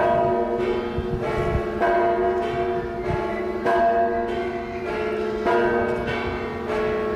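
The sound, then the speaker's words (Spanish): Three church bells in Oiartzun peal steadily at 10:30 in the morning, calling to mass, rung by two people and struck in a repeating rhythmic pattern with rich ringing overtones, loud, with no voices. “10:30 de la mañana, repique de campanas que llamaban a misa aquí en Oiartzun y sonaban así.”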